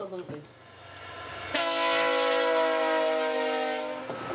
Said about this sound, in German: Der Zug kommt. Der Zug ist gleich da. In der kanadischen Prärie ist ein Zug noch eine Attraktion. 2 Kilometer entfernt können wir ihn schon hören. Ein wunderbares Geräusch, das nur ein Zug macht. Kein Flugzeug, kein Auto, nur der Zug. Hörst du ihn?